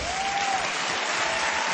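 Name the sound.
audience applauding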